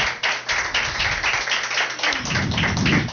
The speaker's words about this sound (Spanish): Y un aplauso para los monaguillos.